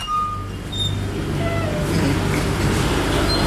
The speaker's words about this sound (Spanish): Y aquí, como escucharán, pues hay un ruido de los motores de los congeladores, doctor.